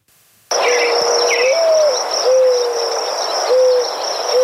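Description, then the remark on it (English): Birds call over a dense jungle-like background, with repeated low hooting notes, a few brief higher chirps, and a steady high-pitched insect drone, all starting abruptly and staying fairly loud. “That's a bird.”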